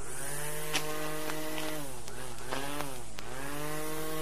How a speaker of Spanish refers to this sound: ¿Una bordeadora? Sí. Sí. O desmalezadora, le dicen acá.